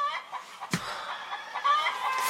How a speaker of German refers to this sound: Hast du nicht den Hahn gehört, der dir sagte, dass es Zeit zum Aufstehen ist? Ja, auf dem Bauernhof kann man halt nicht so lange schlafen,